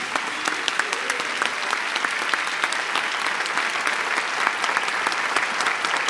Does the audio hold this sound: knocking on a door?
no